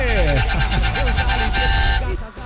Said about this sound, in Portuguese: Buzina aí, mano. Sentido Cajati. Bom dia pra todo mundo aí, bora de buzinaço.